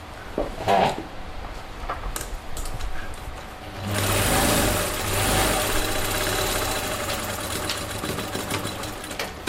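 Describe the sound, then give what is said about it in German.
A sewing machine runs in bursts at a designer working in Barbara Ali Designer Shop, a fashion salon in the fourth district specialising in African fabrics: first light clicking and short stitching runs, then a louder, steady motor whir with a low hum and rapid mechanical chatter that continues to the end. “Barbara Ali sitzt an ihrer Nähmaschine.”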